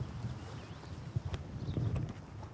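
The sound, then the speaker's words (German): Horse hooves clip-clop at a steady walking pace on a hard surface at the Jendrusch horse farm in Slajewo, where tourists are taken to the beach by cart or on horseback, with faint birdsong and outdoor ambience in the background. “Mit Wagen oder zu Pferd werden die Touristen hier zum Strand gebracht.”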